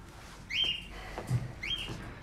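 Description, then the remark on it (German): A small pet bird chirps twice, two short, high, clear calls about a second apart, heard alone against a quiet background. “Sie ist doch so klein und leicht. Vogelgrippe, Quarantäne, das haben wir doch alle schon besprochen”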